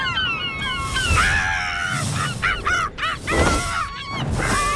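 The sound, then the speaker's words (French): Loud, wailing gull calls ring out one after another, overlapping in a busy chorus of harsh, nasal cries against a steady background rush, continuing throughout with no talking. “On peut entendre le goéland pleurer tout au long de la journée.”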